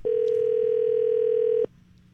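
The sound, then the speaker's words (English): A steady telephone dial tone hums loud for about a second and a half, then cuts off abruptly, leaving faint line hiss, as a call is placed to a random person on the radio station 98.1 The Max. “Just going to call somebody up at random.”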